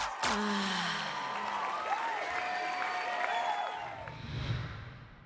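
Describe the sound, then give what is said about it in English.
A crowd bursts into sustained applause with whoops and high cheers over it for a competition winner, loud and steady for about four seconds before fading into a low murmur of voices. “Ladies and gentlemen, make some noise for your winner”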